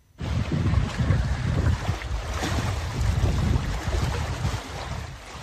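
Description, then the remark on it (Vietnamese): Steady, rushing sea waves at dawn on Sinh Tồn Đông island in the Trường Sa (Spratly) archipelago under a clear sky, with low rumbling wash and wind buffeting the microphone, continuous and fairly loud throughout, no voices. “Trên nền trời trong xanh như ngọc và tiếng sóng biển rì rào”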